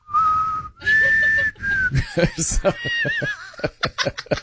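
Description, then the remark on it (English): Someone whistles a slightly off-key tune imitating a song melody in three long, wavering notes, then breaks into snickering laughter while a few more shaky whistled notes slip out between chuckles. “Where she whistles, she goes... I can't. I can't sing on key. You can't whistle on key.”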